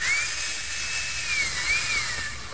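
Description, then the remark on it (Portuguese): A boy's voice imitates a power drill: a steady, high-pitched mechanical whine whose pitch dips and rises, held fairly loud for a couple of seconds with no talking. “Primeiro lugar, faz a furadeira.”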